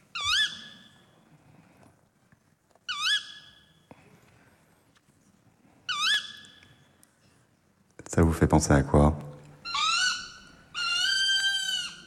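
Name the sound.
tawny owl hooting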